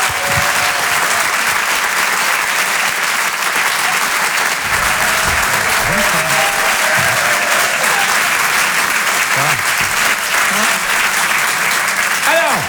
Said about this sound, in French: Je vous demande de l'applaudir très très chaleureusement s'il vous plaît.